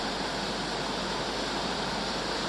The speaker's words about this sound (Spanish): Pero bueno, vámonos, señores, porque está fuerte la lluvia.